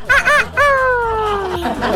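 A rooster crows loudly: two quick rising notes, then one long call that slowly drops in pitch over about a second, with no other sounds around it.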